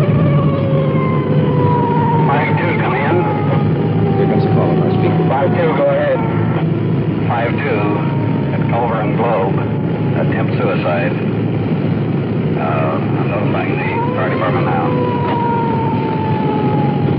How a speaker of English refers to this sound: We've cut in our siren, rolling code 3.